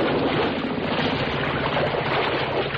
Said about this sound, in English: Uh-oh. The motor's died. And the boat's drifting.